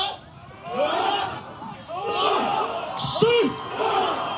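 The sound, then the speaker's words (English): A large group of villagers shout and bellow together in loud, rhythmic bursts, their overlapping voices rising in unison roughly once a second, as they lift a boat together to carry it to the water during a ceremony preparing them to row to the Batanes Islands of the northern Philippines. “And with that noise, they're trying to pick up the boat and take it over to the water, all of them together at once.”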